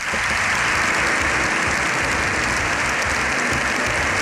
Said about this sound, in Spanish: Más de 7 minutos de aplausos, de ovación, se ha llevado el Papa León XIV en un abarrotado Congreso de los Diputados.